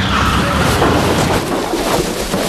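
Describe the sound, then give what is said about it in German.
A car that had been following behind crashes into a hay wagon in the yard of the Martinshof, a loud, dense rumbling crash that churns on for a couple of seconds with no clear break and no voices over it, as the hay slides onto the car. “Es ist hinter uns hergefahren! Und in den Heuwagen gekracht!”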